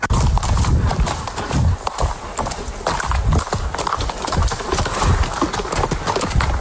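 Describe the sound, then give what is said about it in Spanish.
Horse hooves clip-clop in a steady, repeated rhythm, loud, with a soft snort or two and ambient outdoor noise; no one speaks. “Volver a montar tu caballo, volver a cuidarlo.”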